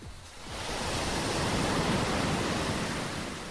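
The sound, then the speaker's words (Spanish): Ocean waves break and wash ashore in a steady, broad roar that swells slightly after the start and stays full, with no voices present. “¡Se escuchan las olas!”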